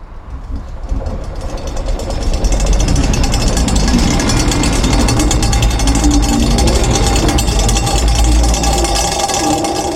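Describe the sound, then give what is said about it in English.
A subway train rattles along through a tunnel, a loud, continuous metallic clatter over a deep low rumble that builds in the first seconds and then holds steady. “So now, come with us in our subway carriage as we visit a magical forest, another planet, the past, and even the future.”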